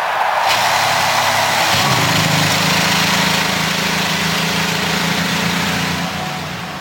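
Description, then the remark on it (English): The field of 33 IndyCar engines at the 108th Indianapolis 500 fires up almost at once into a loud, dense, sustained roar, settling into steady rumbling idles with rich low harmonics that fade slightly at the end. “And the field of 33 roars to life as we get ready for the 108th running of the Indianapolis 500-mile race.”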